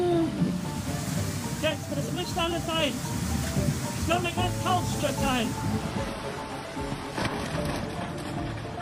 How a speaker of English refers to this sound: On the night of July 14, 2021, endless rain turned this stream into a massive flood.